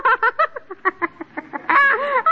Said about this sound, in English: He looks like a duck. He is a duck.